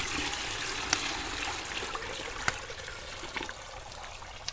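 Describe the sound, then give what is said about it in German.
Hot water pours steadily into a wooden washtub, a continuous splashing rush with a few sharp knocks and drips along the way, with no talking. “Das Wasser ist aus. Heiß genug.”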